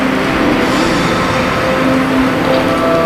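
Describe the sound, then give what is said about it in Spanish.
About 1,300 people applaud steadily in a hall at the 75th anniversary Premio Planeta ceremony as the winner poses with the prize, a dense, loud wash of clapping that holds at an even level for the full three seconds without fading. “Está ahora mismo posando para los compañeros de la prensa gráfica, muy sonriente, con el premio en la mano y este gran aplauso de las 1.300 personas que están llenando este salón en esta jornada del 75 aniversario del Premio Planeta.”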